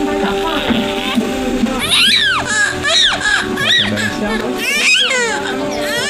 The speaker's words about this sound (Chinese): 此时，第一个宝宝终于发出了第一声啼哭。